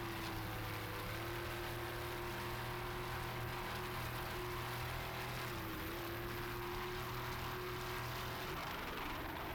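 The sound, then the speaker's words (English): A racing powerboat's engine drones loudly and steadily during a race in Miami, wavers briefly partway through, then falters and drops away near the end as the boat, with an engine problem, drops off the pace; no voices. “Well, that doesn't sound good. There they go. They're dropping off the pace, looking back. They seem to have an engine problem there.”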